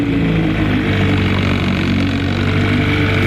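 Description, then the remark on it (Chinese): A small motorboat's engine drones steadily as it carries a man from the boat dock of a sea fish farm toward a wooden hut in the middle of the water, a continuous low rumble with a rough, buzzing hum that holds level throughout, with no voices. “岸边，摩托车主并没有立即离去，他摘下头盔，望着王八乘坐小艇驶向水面中央的木屋，脸上露出了一丝微笑。”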